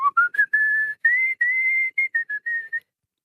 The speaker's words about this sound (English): The song that you were just whistling.